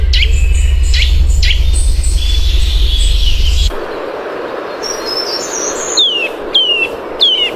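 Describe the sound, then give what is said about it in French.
A bird of a common, widespread species sings in repeated bright, whistled phrases with descending slurred notes, clear over a rumbling outdoor background that drops away partway through. “Eh bien, on écoute tout de suite son chant.”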